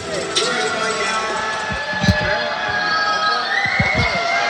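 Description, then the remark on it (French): A basketball crowd boos steadily in the first quarter of a game between Boulazac and Strasbourg, a dense continuous roar at an even level, with a few low dull thumps breaking through around the middle and near the end. “Et les huées du public.”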